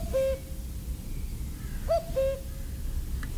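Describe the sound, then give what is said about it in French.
A common (European) cuckoo, back from migration since about late March, calls twice in mostly forested country near Ouyès, each a clear two-note cu-coo about two seconds apart, fairly soft over a steady outdoor background hush. No one speaks. “Le coucou est bien présent, le coucou d'Europe revenu de migration depuis pas mal de temps, depuis la fin mars pratiquement.”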